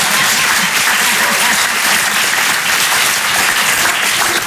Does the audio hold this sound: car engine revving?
no